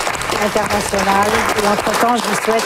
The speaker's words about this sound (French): Les mots de la fin enterrés par les applaudissements.